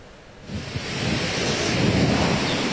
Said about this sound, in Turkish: Ancak şu an rüzgarın şiddetli olduğunu söyleyerek başlayalım.